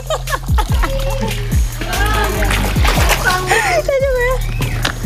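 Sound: water splashing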